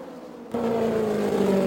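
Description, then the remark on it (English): A race car engine, Janet Guthrie's green and white machine, roars in abruptly after a brief lull as it goes by down low inside, holding a loud, steady buzzing drone whose pitch sags slightly as it passes. No voices are heard. “Janet Guthrie just going right by us down low inside.”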